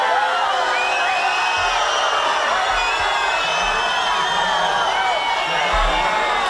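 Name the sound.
crowd booing and shouting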